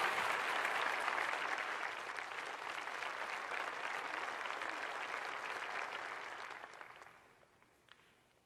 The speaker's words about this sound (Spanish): Dale un fuerte aplauso.